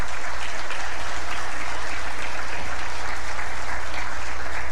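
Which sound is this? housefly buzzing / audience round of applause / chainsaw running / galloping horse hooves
audience round of applause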